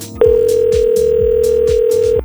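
A telephone line while a radio host places a call to a quiz finalist: one steady, mid-pitched tone holds for about two seconds, with faint rhythmic thumps pulsing underneath and no voices.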